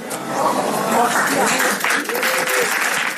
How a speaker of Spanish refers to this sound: Podeu aplaudir.